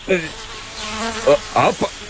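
Flies buzzing, a wavering insect drone that runs throughout, swelling into louder, higher-pitched bursts as they dart past, then dropping back to a low hum.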